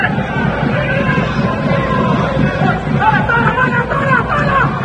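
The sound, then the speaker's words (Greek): Shouting from the Panionios team bench, during a match against PAOK B, rises over a steady, dense crowd hubbub, with several raised voices calling out in short bursts throughout. “Πάλι Τσοπούρογλου, να ακούτε τις φωνές από τον πάγκο του Πανιωνίου, να ανέβει η ένταση στο πρεσάρισμα σε αυτό το σημείο.”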